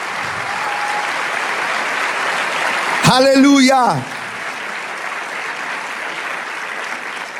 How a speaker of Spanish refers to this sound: Si ese aplauso es para el Señor.